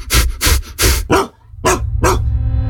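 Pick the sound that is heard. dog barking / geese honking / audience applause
dog barking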